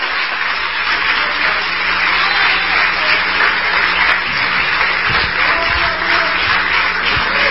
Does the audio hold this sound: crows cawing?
no